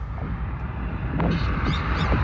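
An injured bird that cannot fly gives a few short, harsh calls in quick succession over a steady low rumble of background noise.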